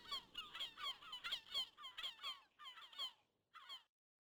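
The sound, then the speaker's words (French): Herring gulls in the Baie de Somme call in a rapid series of loud, squealing cries with downward-falling notes, overlapping in a fast rhythm, then a short pause and one last cry. “Des goélands argentés, et à force de les entendre tous les jours en rentrant de l'école”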